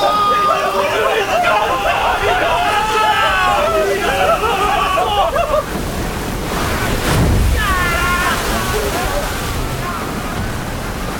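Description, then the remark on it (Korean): Heavy rain roars steadily at night while rough waves surge and crash against the side of a ship, one big swell booming midway; a crowd of voices shouts and clamors throughout, loudest at the start. “그때 폭우가 거세게 쏟아지고 다시 거친 파도가 뱃전을 때렸다.”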